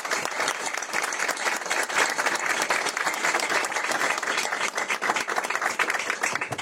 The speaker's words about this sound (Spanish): La verdad que pido un aplauso para ellos porque se lo merecen.